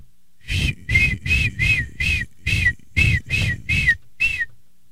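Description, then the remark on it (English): A person imitates a seagull with their voice, giving about nine loud, high, squealing calls in a quick, fairly steady series, each one brief and harsh, then stopping. “And I can do a good seagull impression.”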